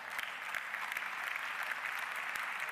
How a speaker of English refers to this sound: Even golf claps are acceptable in the afternoon, so...